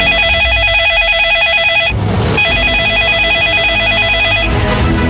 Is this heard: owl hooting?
no